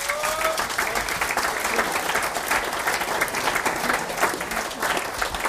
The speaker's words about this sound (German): Dankeschön, dein Applaus.